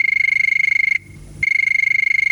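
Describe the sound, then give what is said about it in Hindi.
A telephone rings twice on the Hello Farmaish radio request show, a loud, high-pitched warbling trill broken by a brief pause between the two rings, with no voices. “तो चलिए शुरू करते हैं बातों का सिलसिला, और ये बजी टेलीफोन की घंटी।”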